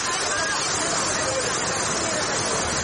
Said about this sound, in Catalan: Aquest és un àudio a l'atzar de molts que pots trobar, d'acord? Sí, del racó del salt. Del salt. Si t'hi fixes, també hi ha molta gent que se sent de fons. Això ja m'ha quedat clar, és un lloc concorregut, molta gent el veu, aquest salt